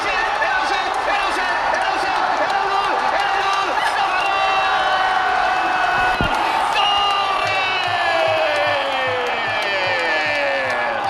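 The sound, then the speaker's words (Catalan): A huge stadium crowd erupts in sustained, roaring cheers after Ferran Torres's valid goal against Argentina, a dense wall of shouting voices that stays loud throughout, with whistles and piercing shrieks cutting through. “explosió amb el gol vàlid de Ferran Torres.”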